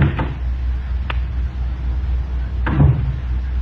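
Someone fumbles with the door of a small guest-house cottage: a few sharp clicks and rattles at uneven intervals, over a steady low rumble, with no voices.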